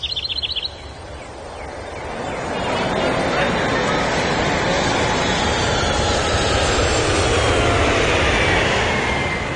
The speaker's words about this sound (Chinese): 来自海外的波音747飞机顺利地降落到了首都机场。